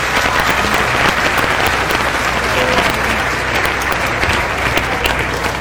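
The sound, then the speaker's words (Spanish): Steady, loud applause from an audience in Gómez Palacio, Mexico, for the President of Mexico, Claudia Sheinbaum Pardo, fills the whole stretch, a dense wash of clapping hands with no pauses, sustained at an even level throughout. “Desde aquí un fuerte aplauso a la presidenta de la República.”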